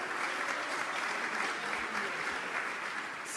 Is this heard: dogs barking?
no